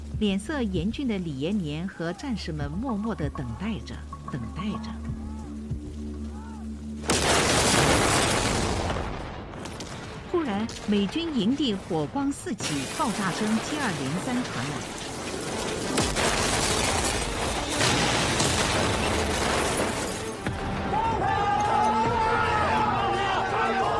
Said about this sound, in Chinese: 忽然，美军营地火光四起，爆炸声接二连三传来。